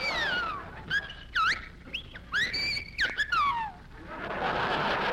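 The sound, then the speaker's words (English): A small bird chirps and whistles in a quick series of bright, sweeping tweets, some rising and some falling, over a low background hum, with no talking. “Say, you're a smart little bird.”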